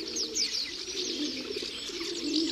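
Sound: rock doves cooing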